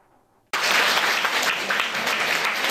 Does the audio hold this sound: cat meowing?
no